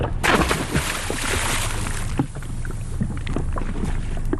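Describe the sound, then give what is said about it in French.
An autonomous ocean float instrument weighing about twenty kilograms is dropped by hand from a boat into the water, a brief burst of sloshing set against steady wind and water noise on the open sea. “Donc là, on va pouvoir le mettre à l'eau.”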